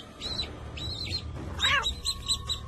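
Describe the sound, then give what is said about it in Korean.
High, thin peeping calls from several newly hatched baby chicks, repeated in short bursts and overlapping, fairly clear over a low background hum, with no talking. “삐약삐약 울어대는 병아리들.”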